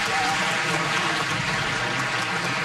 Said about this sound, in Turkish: Efendim koromuzu ve şefimiz Soner Özbilen'i bir kez daha alkışlıyoruz.